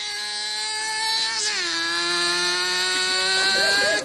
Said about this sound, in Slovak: To moje auto.